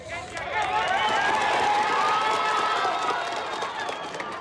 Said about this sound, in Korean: 정적 속에 생존자 기척이 들리자 박수와 환호성이 터져나옵니다.